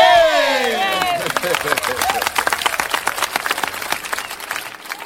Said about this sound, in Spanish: Permíteme enviarte un aplauso. ¿Dónde están los aplausos? Aquí.